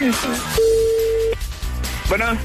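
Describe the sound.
A single steady telephone tone, a flat mid-pitched hum lasting under a second, sounds between stretches of people talking over the line as a prank call is placed.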